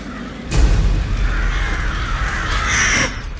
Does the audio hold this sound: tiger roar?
no